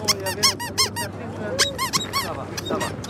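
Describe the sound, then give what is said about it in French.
A squeaky cat-shaped dog chew toy is squeezed again and again, giving about nine loud, high-pitched, whistling squeaks in quick, uneven bursts over a low background hum. “Le petit chat, là, est-ce qu'il fait du bruit?”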